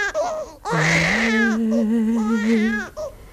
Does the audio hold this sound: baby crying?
yes